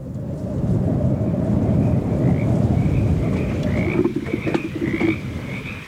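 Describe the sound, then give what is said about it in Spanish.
A dense chorus of frogs croaks continuously, many overlapping calls with repeated higher chirping pulses over a steady low rumble, fairly loud, with no one speaking. “Lugar montuoso donde abundan las ranas.”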